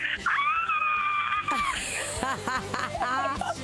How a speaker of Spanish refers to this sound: pégate un grito bueno para que te escuchemos todo.